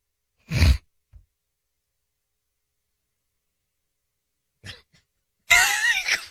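A brief, loud fart with a rumbling low end in a played clip, followed by a tiny puff, several seconds of silence, then a noisy, breathy vocal burst as a man laughs after it.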